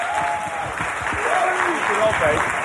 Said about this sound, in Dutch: Dames en heren, geef een warm applaus.